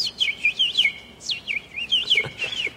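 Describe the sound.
Someone imitates a bird with a quick string of high, sweeping chirps, roughly a dozen in close succession over a few seconds, fairly loud, with no talking.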